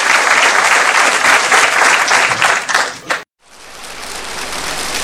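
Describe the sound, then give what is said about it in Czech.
A crowd of visitors applauds in a loud, dense, steady patter for about three seconds, then the sound cuts off abruptly before clapping resumes as a softer, continuous wash. “Vážení a milí návštěvníci, nezlobte se na mě, ale tleskáte prabídně.”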